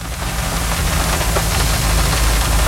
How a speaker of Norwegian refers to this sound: Det eneste jeg hører lyden av regnet mot bilruta, men vi tek likevel opp lyd.